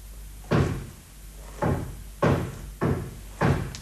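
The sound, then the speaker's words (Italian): Five heavy, resonant knocks on a wooden door, spaced unevenly, each thud ringing briefly before the next. The knocking is loud, with no voices. “Senti, bussano alla porta.”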